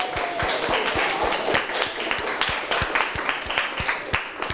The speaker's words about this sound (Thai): โหหมดทั้งห้องเลยครับเก่งมากปรบมือให้ตัวเองดังๆเลยครับ